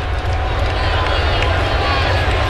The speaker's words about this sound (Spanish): Fanático, de verdad. Fanático, se goza el béisbol. Y todavía con esa esperanza. Tú ves que cada picheo a favor de los Mex, pues se animan más a aplaudir.